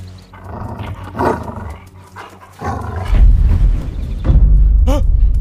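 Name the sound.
wolf growling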